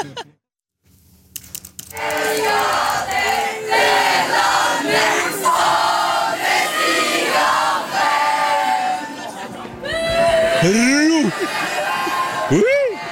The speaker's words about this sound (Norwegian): Ja, du har heia-rop inne. Ja, jeg har det.